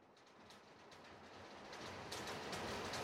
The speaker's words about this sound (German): Und ganz kurze Frage, wenn ich jetzt die Musik ganz leise mache und ich auch mal ganz kurz meinen Mund halte, hört man dann den Regen draußen? Achtung.